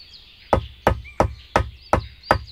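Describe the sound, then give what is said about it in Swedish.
Six sharp hammer knocks land in a steady, even rhythm, each a crisp, loud strike, with brief quiet between blows and no voices. “En hammare vasara.”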